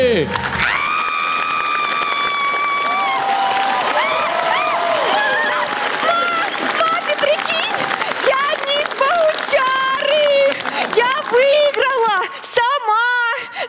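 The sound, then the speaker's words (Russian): The audience of TNT's Comedy Club applauds the winner of a beauty contest in a sketch, with steady clapping and loud cheering and whooping voices over it. The crowd noise stays full throughout, with shrill shouts rising near the end. “Ваши бурные аплодисменты!”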